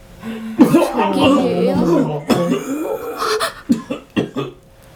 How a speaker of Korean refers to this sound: 그 옆에 두 사람이 동시에 비슷한 증세를 보이기 시작했다. 그리고 맨 앞에 선 남자까지 모두 피를 토하며 심하게 기침을 했고 자리에 주저앉았다.